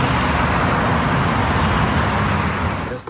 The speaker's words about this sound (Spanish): en medio del frenético tráfico porteño.